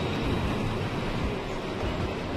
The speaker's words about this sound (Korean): 드디어 죽음의 계곡으로 들어섭니다. 철도 건설 과정에서 많은 사람들이 희생된 곳이죠. 본격적으로 지금 죽음의 계곡으로 열차가 들어가고 있어요.